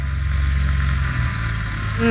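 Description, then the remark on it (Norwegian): A single-engine propeller airplane drones steadily, a loud, continuous low rumble with no voices, its pitch shifting slightly near the end. “Det var et ettmotors propellfly.”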